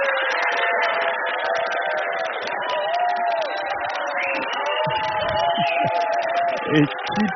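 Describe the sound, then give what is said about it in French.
A large audience claps and cheers loudly and continuously to vote by applause meter for keeping octopuses, with dense applause and excited shouting voices filling the whole stretch without a pause. “Et ça va être à l'applaudimètre.”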